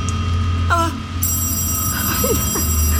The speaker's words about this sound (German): Also ich hab doch... das Telefon.